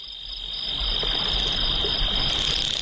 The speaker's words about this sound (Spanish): Mira, Juan Ramón Jiménez describe el sonido del grillo así. El primer canto del grillo en el crepúsculo es vacilante, bajo y áspero.